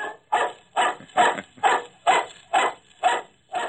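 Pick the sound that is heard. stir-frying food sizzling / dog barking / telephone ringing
dog barking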